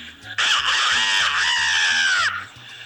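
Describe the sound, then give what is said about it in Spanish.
A caller from Barcelona, Anzoátegui, imitates a rooster crowing for a radio programme's best-sound contest: one loud, shrill, strained cry held for about two seconds, wavering slightly before dropping off at the end, over a faint low pulsing hum. “Te voy a mandar el sonido de un gallo.”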